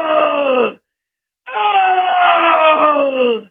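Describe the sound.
A voice imitates the call of a black bear that was among sheep at the overgrown bottom of a canyon, with two loud, drawn-out moaning cries that slide downward in pitch, a short pause between them, the second much longer than the first.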